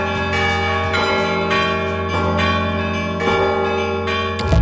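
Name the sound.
church bells ringing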